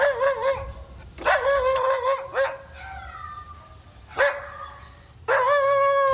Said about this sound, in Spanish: Que el Solovino está ladre, ladre, que se espantó con el Firulais, ¿eh?